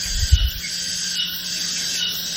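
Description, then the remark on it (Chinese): A continuous, high-pitched cicada-like drone hisses steadily throughout, played as a demonstration of the cicada type of tinnitus (ringing in the ears), with a brief low thump at the very start and no voices. “哦，这个就是蝉鸣。”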